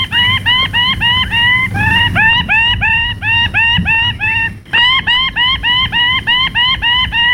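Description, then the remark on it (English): A male bird of paradise shrieks with excitement while dancing in display on a tree branch, throwing his ruby plumes above his head, in a loud, rapid series of harsh, nasal calls repeating steadily about three times a second, with a faint low rumble beneath. “In a frenzy of excitement, he threw his ruby plumes above his head, shrieking with excitement.”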